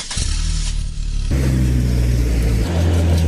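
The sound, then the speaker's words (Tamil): A car engine revs loudly and accelerates, its pitch stepping up through gear changes as the car pulls away to drive an injured accident victim to the government hospital, continuous with no voices. “காரை ஜிஹெச்சுக்கு ஓட்டிட்டு போங்க சார்.”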